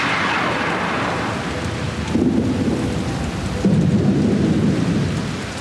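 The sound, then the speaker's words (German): Thunder rumbles through a stormy downpour on a mountain as lightning begins, steady rain hissing throughout while two deep, swelling rolls of thunder rise around the midpoint and again near the end, loud. “Wir müssen schnell runter vom Berg. Es fängt schon an zu blitzen. Jetzt wird's gefährlich.”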